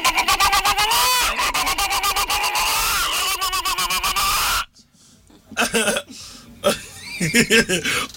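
A hen clucks loudly and busily, a dense run of rapid, overlapping calls for several seconds before cutting off abruptly, followed by quieter scattered sounds and faint voices.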